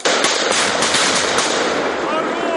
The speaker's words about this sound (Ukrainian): Це замкнуте приміщення, контакти з противником на дуже близькій дистанції, та вони мають дуже високий темп роботи, має бути. Приходилось давити противника вогнем та знешкоджувати вже на місці. Так. Постріл!